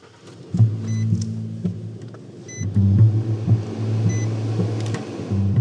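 A truck engine drones loud, its low hum rising and falling in surges as it pulls away under strain up Agony Hill Road, with no voices.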